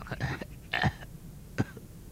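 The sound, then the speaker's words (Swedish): A father lying unwell in bed lets out a hoarse, rasping croak followed by a few short coughs, spaced irregularly over two seconds, moderately loud with no speech. “Då hörs ett krax från pappas rum.”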